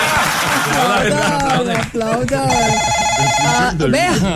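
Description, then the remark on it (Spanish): A telephone rings at 4:43 in the afternoon, with no caller ID, in a single steady, bright, buzzing burst lasting about a second, surrounded by loud, animated voices talking over one another. “Vea, ¿quién llama a las 4 de la tarde, 43 minutos?”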